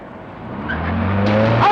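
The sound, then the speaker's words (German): A car engine rumbles and quickly revs up louder, with a brief tire squeal as the vehicle speeds away. “Stellen Sie bitte den Motor ab.”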